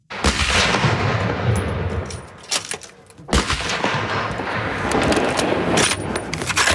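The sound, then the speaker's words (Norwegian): Rifle shots crack out repeatedly at irregular intervals at Kråkenes marka shooting range outside Førde, Norway, where many shooters are zeroing their weapons before hunting season: loud sharp reports overlapping with echoing booms, a dense burst of gunfire with a brief lull before another volley. No voices. “På Kråkenes marka skytebane utenfor Førde det mange på standplass for å skyte inn våpnene sine før sesongåpning.”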